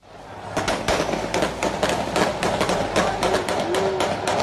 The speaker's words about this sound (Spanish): Puro cuernos de chivos y escopetas. Parecía una masacre. Aunque el plomo no era de guerra, esta vez era para festejar.